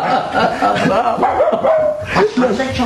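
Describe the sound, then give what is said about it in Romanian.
A little dog barks and yips in short, excited bursts, with whiny tones between barks, mixed over murmuring voices for the whole few seconds; the dog has been brought for Lieutenant Lucaș. “De când am intrat ordonanță la domnul locotenent Lucaș, dânsul nu-și mai dorea altceva decât un cățel ca ăsta.”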